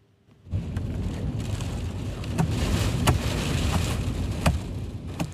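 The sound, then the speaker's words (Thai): A loud, steady roar of violent tornado wind approaching a residential community in Ulladulla, New South Wales, Australia, about 200 km south of Sydney, in the afternoon. It starts abruptly and keeps going, broken by sharp gusts that batter the microphone, with a heavy low rumble underneath and no voices. “ผู้เห็นเหตุการณ์บันทึกภาพพายุทอร์นาโดพัดเข้าใกล้เขตชุมชนในเมืองอัลลาดาลารัฐนิวเซาเวลห่างจากนครซิดนีย์ไปทางใต้ประมาณ200กิโลเมตร”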